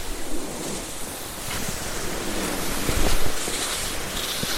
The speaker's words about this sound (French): Le vent. La neige. L'immensité. Ma petitesse.